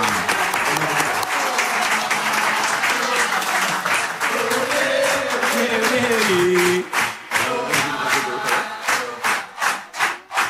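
An audience applauds loudly with dense, sustained clapping, joined by cheering voices; in the last few seconds the clapping thins into distinct, rhythmic claps before fading.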